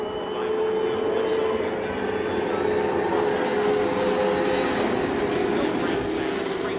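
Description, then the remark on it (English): Racing car engines roar on the main stretch as drivers wait to take the green flag, one engine having failed to fire before roaring into life; a loud, steady drone with a sustained tonal whine running through it, continuous for the whole stretch without any pause. “Rick Mears' engine failed to fire, but finally it roared into life”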